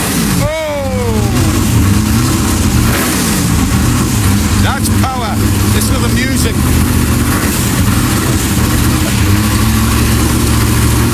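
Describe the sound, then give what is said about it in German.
A 1965 Lola T70 race car, one of only 15 in the world, is fired up: the engine barks through a sharp rev at the start, then settles into a loud, deep, rumbling idle broken by a couple of quick throttle blips. “der Sound von einem 65er Lola T70, davon gibt es auf der Welt nur 15 Stück.”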